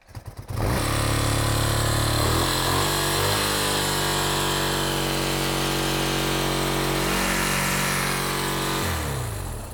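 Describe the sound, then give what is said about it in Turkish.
An old motorcycle engine, primed with starting spray and with the ignition on, cranks with a few quick chugs, catches, and settles into a loud, steady idle, running for several seconds before cutting off near the end. “Karbüratörde benzin olmalı çünkü kolay çalıştırmaya evet, göre kesinlik. Uzun çalışır.”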